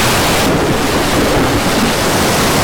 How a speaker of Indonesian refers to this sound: Hei, ada apa ini? Mengapa tiba-tiba ada badai? Air sudah masuk perahu.